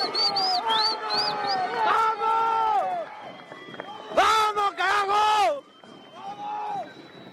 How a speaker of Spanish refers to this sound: Bueno, el griterío aquí, el bullicio, la gente vibra.